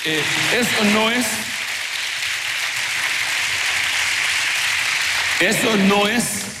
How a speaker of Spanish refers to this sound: Denle su aplauso al Rey bendito.